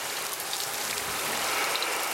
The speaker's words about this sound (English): The feel of the ground growing soft beneath your feet and the smell. And the sound of the rain hitting the leaves.